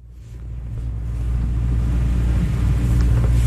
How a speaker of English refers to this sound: He shuts off the boat's motor so we can take a listen.